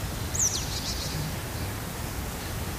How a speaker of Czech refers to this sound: To slyšíš, ne? Ptáci zpívají